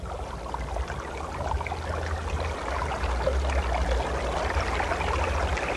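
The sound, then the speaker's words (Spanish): A stream babbles and trickles steadily throughout, fairly loud, its bubbling texture continuous with a faint low rumble underneath and no voices. “Vamos a seguir el lecho del arroyo.”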